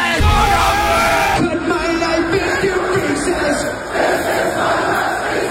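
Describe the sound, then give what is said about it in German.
A large festival crowd at Rock am Ring 2026 shouts and yells together in a dense, continuous roar, loud throughout with rising bursts of cheering and bellowing voices. “Das war Rock am Ring 2026. Rock am Ring!”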